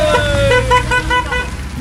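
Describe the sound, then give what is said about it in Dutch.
Busy road traffic rumbles steadily as cars pass by, with a short horn toot and a few brief tonal honks cutting through the noise. “die tussen de auto's door laveerde met camera en microfoon.”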